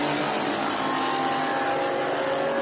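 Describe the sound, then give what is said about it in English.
A yellow and black GT3 race car driven by Stefan, leading the GT3 Pro-Am category, passes with its engine roaring at a steady, loud level for a few seconds, a dense droning whine with a constant pitch and no talking over it. “Here comes Stefan in the yellow and black car.”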